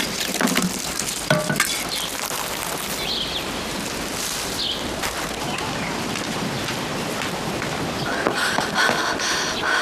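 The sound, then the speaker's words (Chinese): Continuous sizzling and crackling of batter for jianbing pancakes, being made for the children, frying on a hot griddle, with occasional scraping or stirring clicks, steady and fairly loud throughout with no voices. “这煎饼啊，是给孩子摊的。”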